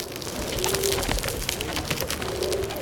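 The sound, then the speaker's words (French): Pigeons arriving for croissant crumbs coo softly twice, low throaty calls about a second and a half apart, over a steady outdoor background hiss. “Attention, les piafs! Les pigeons appliquent. Ils en veulent à nos miettes.”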